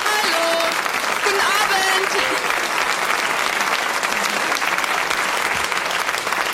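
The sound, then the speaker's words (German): Sustained studio audience applause greeting a guest live on the German TV show Na Sowas: steady, dense clapping throughout, loud and unbroken, with a few faint whistles or voices rising briefly near the start. “Publikum begrüßt dich. Beifall für”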